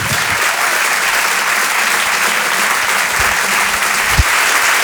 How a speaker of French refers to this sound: Une comédienne très talentueuse, vous allez voir, elle propose un spectacle qui se situe à mi-chemin entre le stand-up et les sketchs. Je vous demande de l'applaudir très chaleureusement elle aussi.